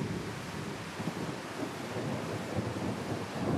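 Heavy rain pours down over a valley at night in a dense, steady roar, a constant wash of hissing noise with low rumbling underneath, unbroken from start to finish and with no voices.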